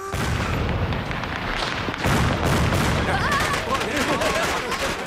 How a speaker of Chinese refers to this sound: 奶奶给你放炮竹。 来，放炮，来， 来，往后点，往后点啊！好看吧？